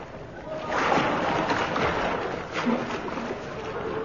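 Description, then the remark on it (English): Steady sloshing and splashing of water as someone swims through the River Thames in London on a chilly winter's night, continuing for a few seconds at a moderate level with irregular surges. “It is a bit chilly, I admit, swimming. Still, we must guard our great river, the Thames.”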